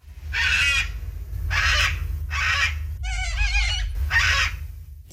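A cockatoo screeches loudly, five harsh, raspy squawks about a second apart, one more warbling and tonal than the rest, over a low outdoor rumble.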